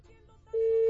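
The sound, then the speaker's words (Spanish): A loud, steady electronic phone ringing tone switches on partway through and holds a single unbroken pitch, following a moment of quiet low background hum. “Pues a ver, ya entró, ojalá que sí.”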